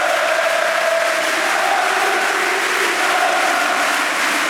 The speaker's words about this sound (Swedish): Ja, och helt plötsligt nu ställer sig hela arenan upp här och jublar. Lyssna.